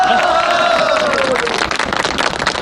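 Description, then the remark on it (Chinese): Loud crowd applause with dense, rapid clapping and cheering voices, plus a high sliding whistle-like tone fading out over the first second and a half. “鼓掌，大家”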